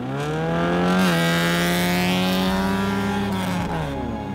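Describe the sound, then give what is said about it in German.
A car engine roars loudly, its pitch climbing briefly and then holding steady as it pulls away under hard acceleration in a practice start before a race, in the province of Jämtland in central Sweden, with no voices. “Mit Schwester Emily testet sie noch einmal den Start.”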